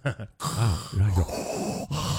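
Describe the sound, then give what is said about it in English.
A person vocally imitates heavy, rasping Darth Vader-style respirator snoring breaths, as people say their partners sound when they snore, several drawn-out groaning inhales and exhales in close succession, fairly loud. “According to a survey, here's what people say their partners sound like when they snore. Number five, Darth Vader.”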